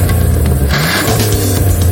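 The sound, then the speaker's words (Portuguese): A car engine revs loudly, its deep rumble surging and climbing in pitch over two seconds, with no voices present. “Não para de pensar naquele carro que viu na concessionária?”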